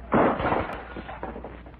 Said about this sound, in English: Somebody kicked the table and the lamp crashed to the floor.